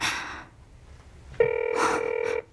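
telephone ringing

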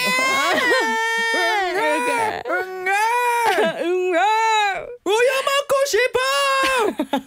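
child crying loudly

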